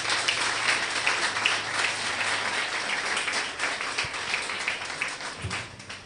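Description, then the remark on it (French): An audience applauds steadily for about six seconds as a pastor is introduced to present a talk, a dense, crackling wash of many hands clapping at once that holds fairly even in loudness before easing slightly at the end. “Sauf vos applaudissements, s'il vous plaît.”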